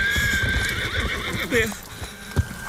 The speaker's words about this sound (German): als ob sie vom Himmel gefallen wären, näherten sich ihm von hinterrücks in großer Geschwindigkeit Pferd und Reiter. Beide waren unglaublich groß.